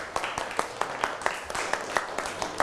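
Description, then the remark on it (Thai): A group of children applauding a classmate, their claps falling into a quick, fairly even rhythm of sharp, bright slaps over a soft background wash for a few seconds. “นั่งลงได้ครับปรบมือให้กับเพื่อน”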